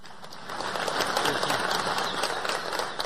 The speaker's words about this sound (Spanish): señora gobernadora, y en eso también usted ha cumplido una gran labor. Un aplauso para usted.